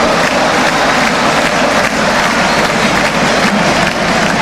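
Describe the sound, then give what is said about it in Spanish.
A loud, sustained ovation from a huge stadium crowd at the Monumental for Otamendi as he leaves the field in an Argentina match, dense applause and cheering roaring steadily without pause, a broad wash of noise with no single voice standing out. “Escuchá, escuchá la merecida ovación.”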